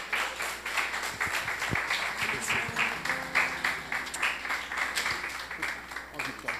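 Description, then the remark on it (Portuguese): An audience at a church service claps and applauds in praise of the Lord, a dense crackle of many hands sustained throughout with a few scattered voices and shouts mixed in. “As palmas louvam o nome do Senhor.”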